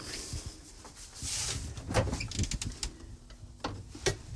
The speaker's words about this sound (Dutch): Zo, ik leg dat nu weer in mijn koelkast.